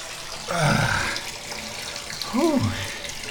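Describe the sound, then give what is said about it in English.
Cold tap water runs steadily into a bathtub and over a person's feet, splashing and hissing, while the person lets out two short drawn-out vocal sounds over it. “Oh, that feels nice. Cold water on my feet.”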